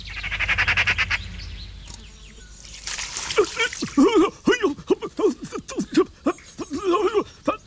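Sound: magpie calling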